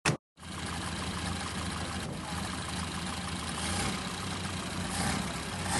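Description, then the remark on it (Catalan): A car engine runs steadily at idle, a continuous low rumble with a broad hum, fairly loud, after a brief click at the start; no one speaks. “pujava al cotxe. Vinga, anem.”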